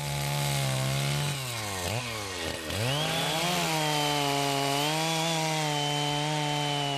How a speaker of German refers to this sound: Blockhausen, näher Dorf Chemnitz, war nicht nur am Pfingstwochenende das Zentrum der Kettensägenkunst. Bereits in der Woche zuvor trafen die Macher der 12 Hauptstücke ein und schickten sich an, Göttliches zu schaffen.